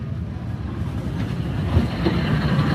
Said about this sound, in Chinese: 我没想到哈，它看得特别像很多园区的那个摆渡车的电瓶车。 嗯哼。 但是它却是泉州公交。